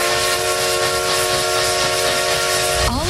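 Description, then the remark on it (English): The whistle of the Essex Steam Train in the Connecticut River Valley blows in one long, sustained, loud blast over a thick rush of hissing steam, the tone bending slightly as it cuts off near the end. “Essex Steam Train and Riverboat for unforgettable events all year long.”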